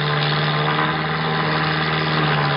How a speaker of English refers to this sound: Looks like a crop-dusting plane to me, Ernesto.